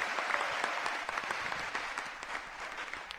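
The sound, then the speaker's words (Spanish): A church audience applauds the word of God after a Bible reading, many hands clapping in a dense, steady patter of sharp claps that holds at an even, fairly loud level throughout, with no voices standing out. “Dele un aplauso a la palabra de Dios.”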